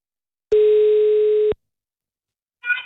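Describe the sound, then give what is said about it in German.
A single steady telephone ringing tone sounds for about a second as a call is being placed, then silence before a brief faint burst of another sound near the end. “Wir probieren es mal und schauen, ob diese Person denn da ist. So, gewählt wäre schon mal.”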